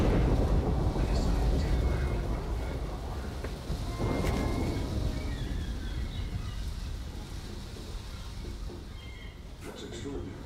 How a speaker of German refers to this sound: Sag bloß, du hast Angst vor Gewitter.